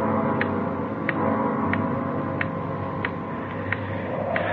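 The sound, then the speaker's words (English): A loud clock ticks steadily, roughly seven crisp, even ticks at an unhurried pace, standing out over a constant low hum and rumbling background noise on a windy day, with no one speaking. “Sure a loud clock.”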